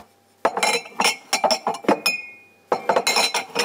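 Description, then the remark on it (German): Glasses clink and knock together repeatedly, a quick series of bright, ringing taps with a brief pause before another flurry, as glasses are loaded into a dishwasher. “So, jetzt die Gläser.”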